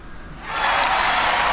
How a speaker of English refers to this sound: Applause. Oh, it's crowd cheering and applause. And then what's the other one?